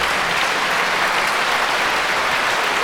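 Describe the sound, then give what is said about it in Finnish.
Sustained, steady applause from a large concert audience as conductor Nicholas Colon raises the orchestra to receive it, a dense wash of many hands clapping at an even loudness throughout, with no voices standing out. “No siellä kapellimestari Nicholas Colon nostattaa vielä orkesteria vastaanottamaan yleisön aplodeja ja lavalla on tietysti myös Antti Auvinen ja Ava Bahari.”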